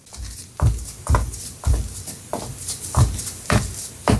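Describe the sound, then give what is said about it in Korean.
Heavy footsteps thud on a hard floor, heading toward a front door, about eight steady strikes roughly half a second apart, loud with no voices. “바닥을 때리는 발소리가 현관문으로 향했다.”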